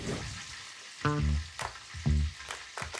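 Food sizzles steadily in a pan as a wife cooks at home in Winsen an der Lohe, with a couple of tonal scraping squeaks and a few sharp utensil clinks breaking through the continuous hiss.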